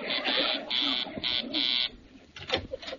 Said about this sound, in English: That's Mr. Dabney. I know his buzz.